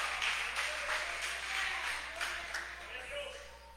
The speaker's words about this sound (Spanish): Dele fuerte ese aplauso a Jesús y dígale gracias en esta hora.